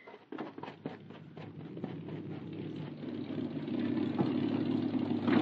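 A car engine idles with a steady low rumble, a few sharp clicks and taps near the start, and the hum grows slightly louder toward the end. No one speaks.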